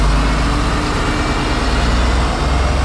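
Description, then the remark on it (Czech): A bus on a circular route departs from Karlštejn, Czech Republic, its engine running with a loud, steady low rumble and broad mechanical noise, holding an even level throughout as it moves off. No one speaks. “Je to okružní linka, vyjíždíme odsud z Karlštejna”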